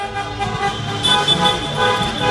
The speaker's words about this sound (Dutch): Ja, het centrum staat vast. Er kan geen auto, geen meter vooruit of geen meter vooruit. Allemaal auto's. Die toeteren dus en Marokkaanse vlaggen uit het ramen wapperen.